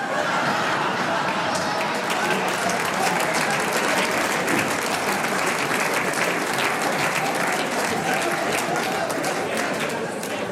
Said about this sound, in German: Jetzt haben nur die Raucher klatscht, gell?